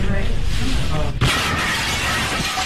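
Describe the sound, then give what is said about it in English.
Over a steady din of indistinct voices, a sudden loud crash bursts in as a car smashes through a restaurant window, glass shattering and scattering in a harsh, bright wash of debris that lingers. “This audio we're about to play for you, you're going to hear the crash, the moment it all happened, and then you'll hear them.”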